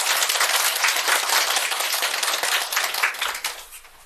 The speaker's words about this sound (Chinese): 那就掌声有请云朵组。